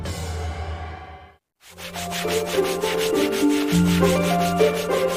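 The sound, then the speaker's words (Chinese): Steady abrasive sanding and polishing of a horn comb, one of the "three treasures" of Fuzhou, China, against a whirring machine hum, cutting out briefly for a moment before resuming loud and continuous; no one speaks. “我们在打磨牛角梳，福州三宝之一的角梳。”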